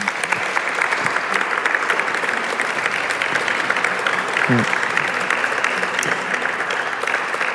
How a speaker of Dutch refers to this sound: Aan mijn publiek, geef hen een hartelijk applaus.